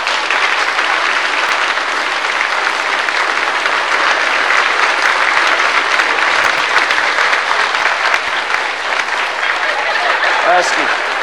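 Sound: audience applause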